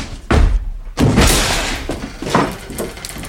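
A heavy wooden door is forced open with a loud thud near 0.3 s, followed by a second hard impact and a drawn-out creak and scrape, loud, with no talking.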